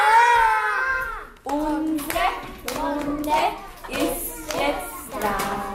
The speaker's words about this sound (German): Den Tag eröffnet sie wie immer mit einem gemeinsamen Ritual, dem Morgenkreis. Alle klatschen laut. Hurra!